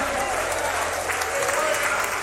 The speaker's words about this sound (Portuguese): Cristo, mais forte aplausos para o Senhor. Palmas de glória a Deus, igreja.